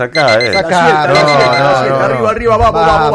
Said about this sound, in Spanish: Mirá, mientras suena el despertador.